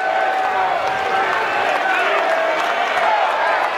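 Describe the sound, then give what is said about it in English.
A loud crowd at a baseball game roars steadily for the whole stretch, a dense wash of massed voices with shouts and whistling tones rising out of it and no break in the din. “A defensive timeout because Rabe could not hear with this loud crowd, I guess.”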